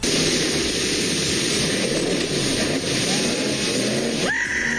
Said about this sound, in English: he broke a record jumping 39 feet down with his boat over the falls